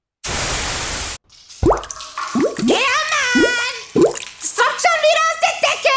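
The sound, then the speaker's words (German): Water drips, four or five distinct plopping drops falling at a steady pace, following a short burst of hissing static; a high, wavering voice cries out over the later drops. “Wenn's oben tropft und unten schreit, ruf Sattler an und Rettung eilt.”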